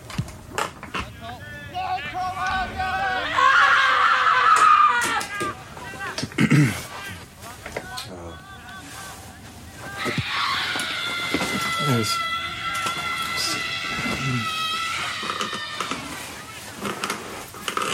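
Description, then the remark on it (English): Two long, loud human screams, the first around a few seconds in and a second, steadier one later, each sustained and shrill, with quieter vocal sounds and pauses between them. “Once we have the screams in the archive, we try to let them take on lives of their own, the life that they want to lead.”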